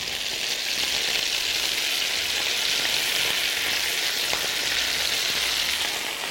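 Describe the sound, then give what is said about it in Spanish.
Chicken breasts fry in oil in a pan with a steady, loud hiss of sizzling, dotted with small crackling spatters throughout as water released by the chicken breasts makes the oil jump; no one speaks. “Que el aceite salta tanto por la cantidad de agua que suelta la pechuga.”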